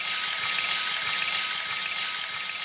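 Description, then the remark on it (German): Steady, hissing stream of water from a camping shower pouring continuously for a few seconds, with no voices and no breaks in the flow. “Oder auf die Campingdusche,”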